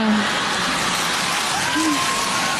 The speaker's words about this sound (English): Women are clapping.